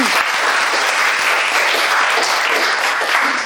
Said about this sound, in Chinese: 好，掌声送给他。